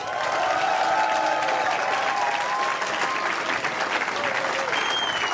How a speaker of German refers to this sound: die Band, die ihr hören wollt, und das könnt ihr gleich mit eurem Applaus auch beweisen, wenn sie auf die Bühne kommen und es eine Latte an Leuten, das dauert also eine Weile, bis sie hier sind, ist die …!